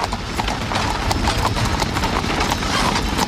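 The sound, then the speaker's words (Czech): Horse hooves of a horse-drawn tram clip-clop steadily in a quick, even rhythm of sharp knocks, continuing throughout over a rumbling background, with faint voices mixed in. “Postupně byly omnibusy vytlačeny koněspřežnou a elektrickou tramvají.”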